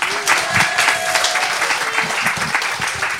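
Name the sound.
thunderous audience applause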